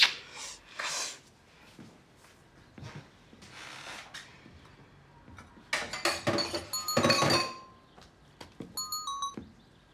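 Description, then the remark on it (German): Cups and dishes clink and clatter as tea is made: soft rustling and shuffling at first, then a busy run of bright ringing knocks and a few light pings near the end. “Alles gut, jetzt ist ja die Oberschwester da und kocht Tee.”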